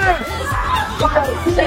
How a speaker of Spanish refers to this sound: Los gritos. Los vatos están chidos, risa y risa.